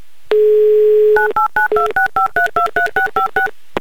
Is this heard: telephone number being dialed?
yes